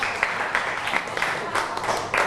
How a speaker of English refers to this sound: Very good. Clap your hand for group five again. Good job.